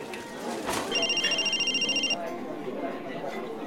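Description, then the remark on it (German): A mobile phone rings with a call from a withheld number, a rapid, pulsing electronic trill for about a second, cutting off abruptly over a murmur of background voices and room noise. “Unterdrückte Nummer? Ist das Robert?”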